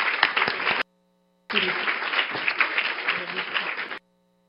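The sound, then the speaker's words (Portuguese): A crowd breaks into steady, dense applause as deputy Camila Godoy is invited to sit at the table at an event, a brief burst that cuts off, then a longer stretch of sustained clapping for about two and a half seconds before stopping abruptly. “Uma salva de palmas.”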